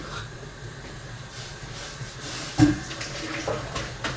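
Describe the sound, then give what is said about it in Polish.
Hot water pours steadily from a pot through a sieve, draining boiled rice bags, a continuous hissing splash with a brief louder gush partway through, without any talking. “Weźmiemy sobie sitko, żeby nie musieć odbierać gorących torebek z wody. Po prostu razem z wodą z garnka sobie wylejemy.”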